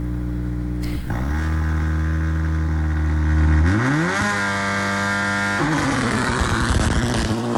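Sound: rally car engines revving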